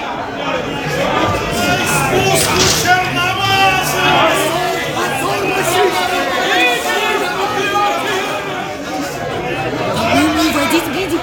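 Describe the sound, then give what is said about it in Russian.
A dense crowd of many people outside shouts and clamors continuously, a steady roar of overlapping calls with no single voice standing out, loud and sustained throughout. “ты посмотри, какая уйма народу. Вот это да. Что они кричат?”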